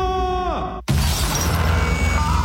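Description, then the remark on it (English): A steady electronic tone from a radio wavers and drops, then cuts off abruptly into a loud smash, followed by a sustained crunching, shattering clatter of breaking parts. “Man, my radio's busted, and now I can't listen to AFN.”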